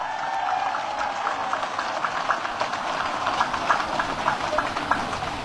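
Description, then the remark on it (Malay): A crowd at Lapangan Sempur (Sempur field) applauding for several seconds for students, university students and scouts, a dense, steady wash of clapping with some hands falling into a loose rhythmic beat, holding an even loudness throughout. “Kita beri tepuk tangan dulu untuk para pelajar, mahasiswa, pramuka.”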